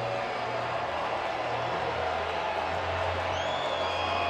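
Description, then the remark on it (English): A large baseball stadium crowd cheers steadily as the Lehigh Valley IronPigs lead the Woo Sox 9-3 in the ninth inning, sensing a win; a broad continuous roar with scattered whoops and shouts rising above it, sustained at an even, fairly loud level throughout. “And the crowd sensing an Iron Pigs win.”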